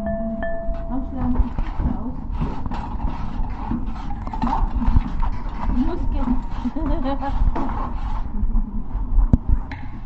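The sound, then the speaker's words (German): Rapid, irregular clicking of keys on a computer keyboard runs steadily for the whole stretch, with faint murmuring voices underneath and a short electronic tone near the start. “Nee, die Tastatur.”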